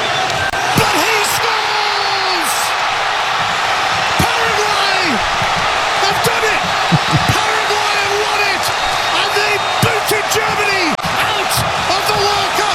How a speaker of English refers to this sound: Listen to that crowd. Wow. Paraguay, they almost blew it.